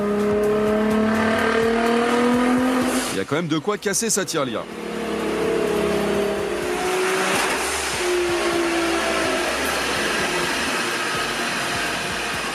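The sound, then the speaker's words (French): A powerful 1000-horsepower car engine revs loudly and continuously, its whining pitch climbing in sweeps with a sharp crackling burst partway through, while a man speaks over the roar. “1000 chevaux, aujourd'hui, pour obtenir une telle puissance sur une voiture de série”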